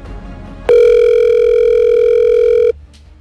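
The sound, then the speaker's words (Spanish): A single steady electronic ringing tone of an outgoing phone call, loud, sounding for about two seconds before cutting off abruptly, with quiet background noise before and after and no voices. “Pero que volverá a marcar si eso no se ha ido a buzón.”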